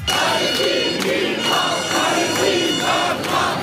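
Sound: crowd of protesters chanting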